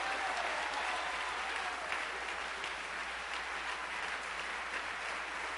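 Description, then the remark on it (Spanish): Sustained applause from a large group, given in praise of Jesus Christ: a dense, steady patter of many hands clapping at once for several seconds without pause or spoken voices. “Denle un aplauso al que vive para siempre.”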